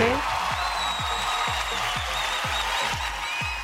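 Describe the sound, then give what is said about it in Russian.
A crowd applauds steadily and continuously for the winners of a prize draw, the dense clapping filling the space while a regular thumping beat pulses underneath about twice a second. “Друзья, аплодисменты.”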